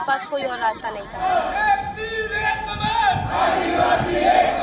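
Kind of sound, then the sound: crowd, protest crowd shouting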